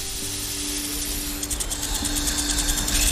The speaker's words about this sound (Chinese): 南美响尾蛇摇动尾尖发出响声，警告上方的猫头鹰。